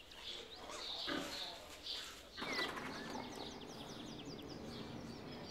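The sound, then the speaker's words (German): Pen noise from Stine the sow and her eleven piglets: short snorts and grunts, then a steady stream of high, chirpy piglet squeaks over rustling straw and shuffling. “Die Außenrampe für Stine und ihre Elferkel ist fertig.”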